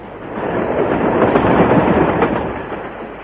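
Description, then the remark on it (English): A runaway train rushes along the tracks, going faster every minute with no way to stop it, with a loud, dense, steady rumble and clatter and a few sharp metallic knocks breaking through the roar. “Yes, and the thing's going faster every minute and we don't know how to stop it.”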